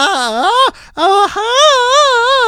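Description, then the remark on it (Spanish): A voice imitates an off-key ranchera grito: a short wavering cry, a brief break, then a longer loud wail whose pitch dips and wobbles unsteadily. “Y aparte, el gritillo todo desafinado.”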